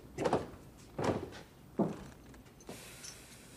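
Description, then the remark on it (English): A large metal key rattles and turns in the padlock of a door to a cupola, followed by a few solid metallic clunks as the padlock is pulled off and the latch lifts, then the door is pushed open with a faint creak, fairly loud. “He fits the key into the lock and twists it. Chuck pulls off the padlock, raises the latch, and pushes open the door.”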